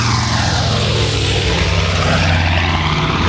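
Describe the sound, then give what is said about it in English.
A loud, steady drone of a United States Army Air Force B-25 Mitchell propeller bomber passing overhead, flying from Bedford Army Airfield in Massachusetts to Newark Airport in New Jersey on July 18th, 1945, its deep engine throb and roaring wash filling every moment without pause, with no voices. “The morning of Saturday, July 18th, 1945, a United States Army Air Force's B-25 Mitchell was flying from Bedford Army Airfield in Massachusetts to New Jersey's Newark Airport.”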